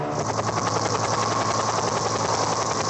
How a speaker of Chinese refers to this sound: 更高处，直升机完成山折转运。近日，浙江省在温州模拟台风逼近、道路塌方、人员被困等极端险情，展开综合演练。